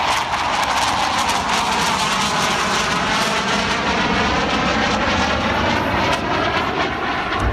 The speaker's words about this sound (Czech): Skončila potom výroba pro MiGy 15 a ve Waltrovce, tedy v Motorletu, začala výroba prvního československého proudového motoru pro první letoun československé konstrukce proudový Aero L-29 Delfín.